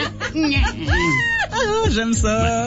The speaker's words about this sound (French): Moi, je vous présente la toute première crécelle triste. Hein? Idéal pour les funérailles ou pour les congédiements. T'as fait tourner, pis elle pleure comme un bébé